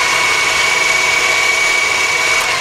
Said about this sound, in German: Wie wäre es mit einem grünen Smoothie? Ein bisschen Wasser, ein bisschen Salat, ein bisschen Spinat, ein bisschen Gurken. Dann alles im Mixer.